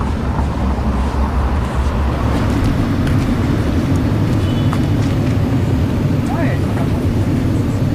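Continuous, fairly loud street traffic in lower Forest (bas-Forêt): a dense low rumble of car engines fills the whole stretch without pause, with no single vehicle standing out from the steady roar.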